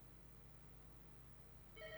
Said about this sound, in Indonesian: Dan juga bagi di sana yang lagi nda nelpon, nah iko lah langsung masuk telepon kok, langsung kita angkat di sana ya.